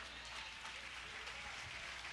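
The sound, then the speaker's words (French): A crowd claps steadily throughout, a dense, continuous patter of many hands at an even loudness with no voices standing out. “En bas l'éternel, nos applaudissements.”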